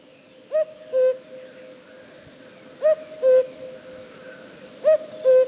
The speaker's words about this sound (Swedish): Det är ju... Det är ju en gök. Ja. Men i frågan, vilken gök är det? Är det västergök som är bästergök? Eller är det östergök som är tröstergök?